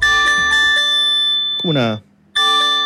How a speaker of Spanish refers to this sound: Como unas campanas. Sí. Ya, ese es. Es un test. Y usted aprieta alerta de sismo y la deja ahí, ¡tum! Y ya va a estar listo.